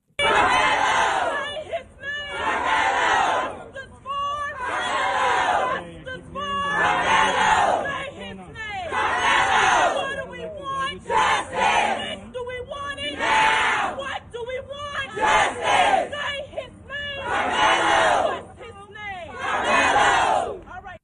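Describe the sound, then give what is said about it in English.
A large crowd of supporters outside a courthouse shouts in unison, loud rhythmic chant-like bursts repeating every couple of seconds with brief gaps between, sustained throughout with no single voice standing out. “You had a large crowd of supporters of Carmelo Anthony outside the courthouse.”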